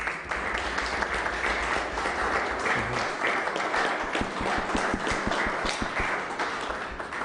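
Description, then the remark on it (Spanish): A crowd applauds steadily for several seconds, a dense, fairly loud wash of clapping that briefly falls into a rhythmic, synchronized beat partway through. “Le damos un aplauso.”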